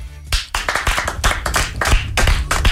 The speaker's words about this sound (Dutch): Is dit, zeg je nu ook tegen mij van niet te hard dat applaus? Niet te hard applaus? Zacht applaus? Nee, doe maar rustig, heel rustig. Oké, komt-ie.